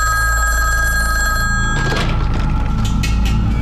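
An old-style telephone bell rings loudly and continuously, then cuts off and gives way to clunky handling noises, all over a low steady hum.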